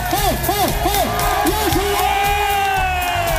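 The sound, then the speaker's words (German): A large festival audience cheers and whoops loudly, with rising and falling shouts repeating in quick bursts over a dense, continuous roar of many voices. “Also ich glaube, am meisten Bock hattet ihr auf gute Stimmung, oder? Und wie krass gut die war, könnt ihr euch jetzt anhören.”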